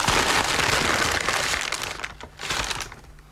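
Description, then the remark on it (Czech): Tissue paper rustles and crinkles continuously in dense, crackly bursts as an object wrapped in it is unwrapped, loud at first, briefly easing, then returning before fading away. No one speaks. “Hedvábným papírem. No, tak to vybal.”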